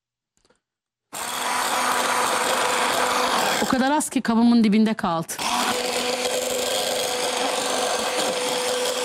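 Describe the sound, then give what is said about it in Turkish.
An electric whisk whips honey in a cup to froth it, a steady, loud buzzing whir that starts after a brief silence and runs unbroken to the end, with someone speaking briefly over it midway. “Güzelce çırpıyoruz efendim.”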